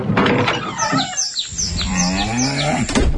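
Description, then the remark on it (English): Cows moo loudly in long, overlapping calls, while a bird chirps repeatedly in quick, high notes above them throughout. “Real country till the cows come home.”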